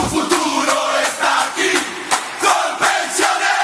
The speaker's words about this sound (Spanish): La tribuna revienta de la dicha porque para ganar este partido estamos todos en la cancha.